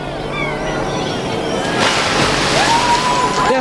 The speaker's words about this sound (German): Werft die Kiste da drüben in den Fluss.